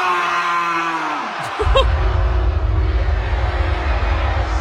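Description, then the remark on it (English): A performer brought out on stage at a concert imitates a sheep's bleat, a short wavering baa, over a sustained droning tone, then a heavy low rumble of bass and crowd noise swells up and carries on loudly. “who decided to sound like a sheep.”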